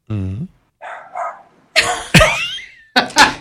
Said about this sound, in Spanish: El perro es un efecto de sonido.